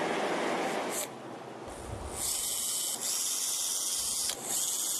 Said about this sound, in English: That should be good. We'll finish drilling these out.